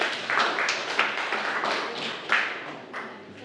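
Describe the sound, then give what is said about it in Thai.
A group of students in a Thai science class claps together for a classmate group's correct answer about which substances dissolve in water, about three seconds of dense patter of overlapping hand claps with a few sharper accents, steady in loudness and then tapering off slightly. “ถูกต้องครับปรบมือให้เพื่อนด้วยครับนักเรียนนะครับ”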